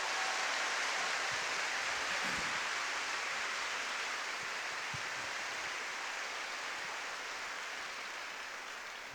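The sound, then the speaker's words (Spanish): A crowd applauds for the Queen, the Holy Mother of the Lord, in a dense, steady wash of clapping that holds for about nine seconds, easing off only slightly toward the end, with no voices over it. “Por eso un aplauso para la Reina otra vez, venga.”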